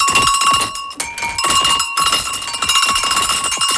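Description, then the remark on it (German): Several cylindrical, funnel-shaped bells, probably goat bells, clank continuously in an irregular, jostling rhythm, like a grazing herd of goats, with bright metallic ringing tones layered over soft clattering knocks. “Wie so ein Schaf da oder eine Ziege da immer so beim Grasen immer so rhythmische Bewegungen macht.”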